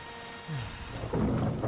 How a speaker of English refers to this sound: Oh, that storm's coming in fast.